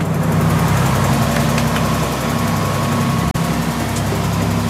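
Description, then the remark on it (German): The engine of an aging boat, roughly 10 metres long and belonging to an orca research organization, drones steadily at sea, a loud, low rumbling hum with a constant throb, briefly cutting out for an instant near the end before resuming. “Wir sind auf dem Boot seiner Organisation, das ist schon ziemlich in die Jahre gekommen, das ist so vielleicht knapp 10 Meter lang”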